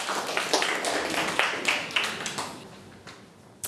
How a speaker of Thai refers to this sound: โอเคปรบมือให้เพื่อนหน่อย